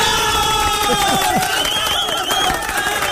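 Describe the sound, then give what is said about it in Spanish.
A rowdy studio audience shouts and whoops over one another in a continuous, loud din, with rising yells and cheers piling up and no single clear voice standing out. “Hacen un escándalo.”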